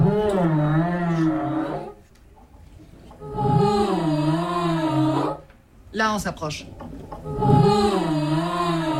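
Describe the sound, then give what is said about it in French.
Long, sliding, moaning tones in three drawn-out phrases with short pauses: humpback whale song phrases reproduced by young girls of the Maîtrise de Radio France choir, recorded by a musician. A brief spoken remark interrupts near the end. “la recherche du dialogue avec les baleines à bosse”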